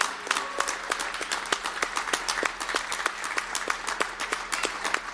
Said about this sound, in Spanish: Para usted. Que no cese el aplauso, por favor.